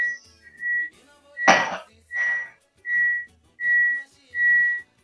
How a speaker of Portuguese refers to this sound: Olha o apito!